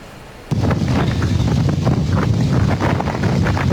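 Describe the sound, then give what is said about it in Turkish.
Strong wind roars across Küçükçekmece Lake in Istanbul, Turkey, buffeting the microphone with a loud, continuous rumble that starts abruptly and stays steady, with faint splashing and gusty crackle throughout. “İstanbul Küçükçekmece Gölü'nde etkili olan rüzgar sebebiyle bir kayık alabora oldu.”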